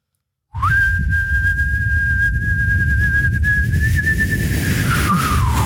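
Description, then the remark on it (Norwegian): A man on a radio show, taking his turn at holding a whistle for as long as he can, whistles one long, steady held note for about six seconds, rising slightly in pitch near the end before it fades, over a constant low rumbling background noise. “For han plystret ikke på slutten.”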